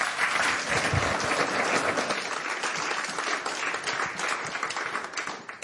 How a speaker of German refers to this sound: Bitte einen Applaus